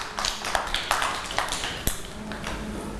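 A group of children clap unevenly for a few seconds, with scattered, overlapping sharp slaps and one louder smack near the middle, over a low background hum.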